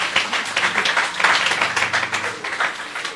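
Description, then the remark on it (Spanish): A crowd of people applauds a correct quiz answer, dense overlapping claps forming a steady, bright wash of sound for a few seconds, with a faint murmur of voices underneath. “Aplauso, por favor.”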